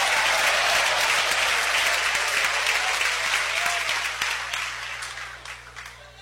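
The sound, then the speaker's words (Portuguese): An audience breaks into sustained applause, a dense wash of many hands clapping at once, holding strong before gradually thinning and fading toward the end. “Palmas com glória a Deus, igreja.”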